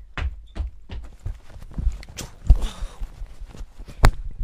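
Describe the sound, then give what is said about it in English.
Quick, uneven thumps like hurried footsteps, broken by a brief burst of rustling like clothes being pushed around, a vocal imitation of someone rushing into their room and digging through clothes. “You rush into your room and start digging through clothes.”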